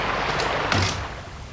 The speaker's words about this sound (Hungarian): Zárja be maga után az ajtót.